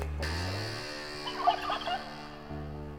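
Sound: turkey gobbling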